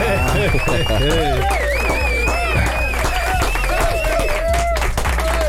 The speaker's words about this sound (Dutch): Hij loopt ondertussen even richting de mic, dus een extra lange 5e applaus voor hem.